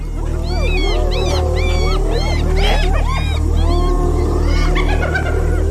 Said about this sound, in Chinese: 叫声是什么意思？还越叫越大声。 这不是挑衅狮子的叫声， 而是斑鬣狗在召唤族群里的其他成员。